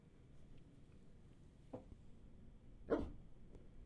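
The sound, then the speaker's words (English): A dog named Tundra barks twice, a short bark followed about a second later by a louder one, over a low steady background hum, with no one talking. “Tundra has definite opinions on unwarranted searches and seizures.”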